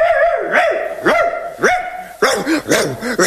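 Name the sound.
dog barking excitedly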